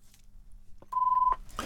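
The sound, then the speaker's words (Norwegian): A single steady electronic telephone tone sounds for about half a second, clear and fairly loud, framed by a few soft clicks and handling noises, with no one speaking. “Da ringer det”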